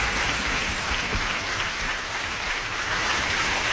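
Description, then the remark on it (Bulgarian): A concert audience at the Festival and Congress Centre in Varna, Bulgaria, applauds the Camerata Salzburg steadily, a dense, even wash of clapping hands that holds at a constant loud level throughout, with no voices standing out. “Възторжена е публиката в фестивалния и конгресен център във Варна и повече от заслужени са аплодисментите към изпълнителите тази вечер.”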